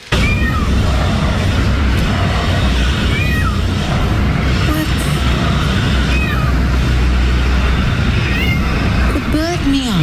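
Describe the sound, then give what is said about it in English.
A drongo gives short, cat-like mewing calls several times at irregular intervals, clear but modest in volume, over a constant loud low rumble of background noise. “Not a peacock. Not, but it is a bird.”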